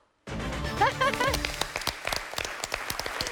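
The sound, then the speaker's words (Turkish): A burst of audience applause, with families in the audience, begins abruptly and continues steadily, dense overlapping claps mixed with voices calling out near the start, loud throughout. “Oradan da bir alkış sesleri duydum.”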